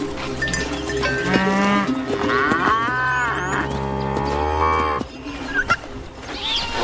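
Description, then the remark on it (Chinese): A herd of cattle moos loudly and almost continuously at a reserve crowded with thousands of goats, cattle and camels. Several long, drawn-out calls overlap one another, with a busy outdoor murmur of livestock underneath and no talking. “成千上万的山羊、牛和骆驼挤满了保护区”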